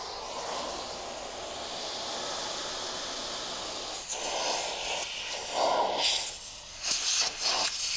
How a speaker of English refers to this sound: I'm done with the vacuuming.